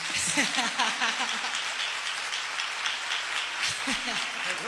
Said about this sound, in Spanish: Siempre es bonito que ustedes aplaudan. Le vamos a pagar igual, pero está bien que ustedes aplaudan.